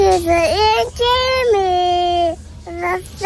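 A young child sings a melody up close, holding high, clear notes with sliding pitches across a few short phrases, brief breaths between them.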